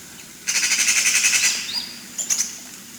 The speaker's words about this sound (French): Tu veux écouter la pie, du coup? La pie, c'est un corvidé de la famille, donc des corbeaux. C'est plutôt des cris un peu graves. Ça, c'est son cri d'alarme, quand elle a l'air de quelque chose.